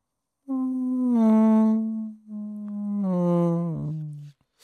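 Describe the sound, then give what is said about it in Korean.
A person hums a sustained, buzzing tone to imitate a mosquito as a summer sound on a Korean radio show, two long drawn-out whines with a short break between, steady in pitch and fairly loud, sliding slightly lower at the end. “모기 소리 할게요.”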